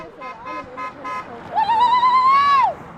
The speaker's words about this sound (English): Passing cars honk, waving arms from windows in solidarity.